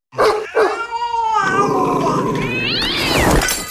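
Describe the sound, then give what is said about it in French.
Loud cat caterwauling, a wavering, rising-and-falling yowl lasting several seconds, tangled with gruff dog barks and growls as the two animals clash. No one speaks. “Les chiens et les chats, c'est comme les appareils électro dans le sac PMC. C'est explosif.”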